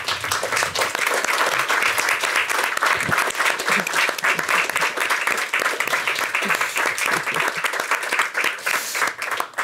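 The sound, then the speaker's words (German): Steady audience applause welcoming a guest onto the stage, many hands clapping in a dense, continuous wash that stays loud and even for about ten seconds, with no speech over it. “Ich darf Sie zu einem Kurzbesuch auf die Bühne bitten und Sie, sehr geehrte Damen und Herren, um einen kleinen Applaus für”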